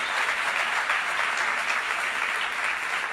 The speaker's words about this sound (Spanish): Al basquetbolista. Denle un aplauso al basquetbolista de nuevo.